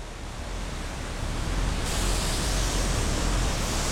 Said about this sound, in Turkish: Şu anda şelalenin altına doğru tırmanıyorum. Şelaleden inanılmaz derecede su püskürüyor.